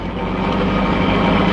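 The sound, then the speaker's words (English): A car engine roars loudly and steadily as the car travels fast at night, a dense, continuous motor drone that holds for the whole moment without pauses or voices. “Well, company coming. Seems to be traveling at quite a rate. Too fast, even this time of night.”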